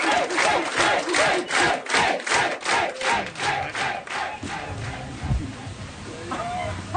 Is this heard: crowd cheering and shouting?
yes